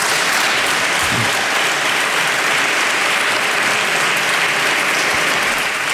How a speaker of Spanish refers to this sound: Bueno, pues unos aplausos, como decimos, en el Parlamento de La Rioja, si era como comenzaba este discurso del presidente en esta primera sesión